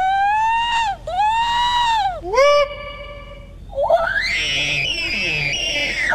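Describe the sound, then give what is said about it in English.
Participants in the Sasquatch Calling Contest at the annual Sasquatch Party at Tosi's Checkout in the town of Glenburn imitate Sasquatch calls: a loud, rising-and-falling howling wail repeated in several swooping whoops, then a sustained hoarse, wavering scream from another voice with rough, warbling texture. “The event, hosted by the Maine Bigfoot Foundation and the Cryptozoology Museum, also saw the return of the Sasquatch Calling Contest. Here's some participants demonstrating their calls.”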